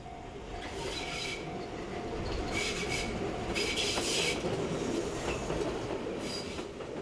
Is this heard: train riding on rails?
yes